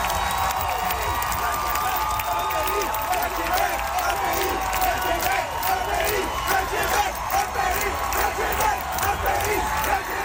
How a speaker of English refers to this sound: as the song ended and the applause swelled, some people in the crowd began to shout.